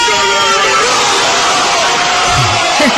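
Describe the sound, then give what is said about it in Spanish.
A loud crowd roars and shouts together celebrating a football goal by Iniesta, narrated by Manolo Lama, a dense sustained wall of cheering voices that swells throughout, energetic, with individual yells rising out of the din. “El que lo narraba era Lama, los que lo gritaban eran todos los demás, la voz de Manolo Lama, sí.”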